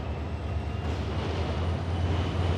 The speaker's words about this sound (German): Aber nichts ist schöner und bequemer als das Zugreisen. Schon allein das Zuggeräusch, dazu die schöne Landschaft.